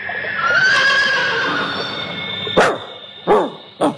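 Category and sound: animal, horse neighing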